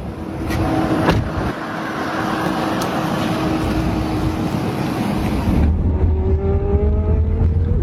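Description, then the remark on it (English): A Waymo driverless car pulling away and driving on a ride from Tampa airport to downtown Tampa, heard from inside: steady road rumble and tyre noise, then a rising electric motor whine as it speeds up. No one speaks. “This is a Waymo. This is the vehicle I'm in.”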